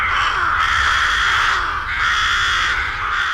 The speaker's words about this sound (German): Genau, Saatkrähen. An vielen Orten hat man sich mit diesen Vögeln arrangiert. Eben in Solothurn zum Beispiel, da gehört das Krähen von den Krähen quasi schon zum akustischen Stadtbild.